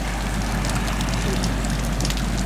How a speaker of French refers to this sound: J'ai fait la planche et mis un peu la tête dans l'eau et j'ai entendu ce crépitement, là, ce petit crépitement de beaucoup moins fort. Que tout à l'heure.